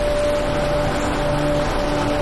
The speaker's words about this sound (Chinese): 这雨越下越大了。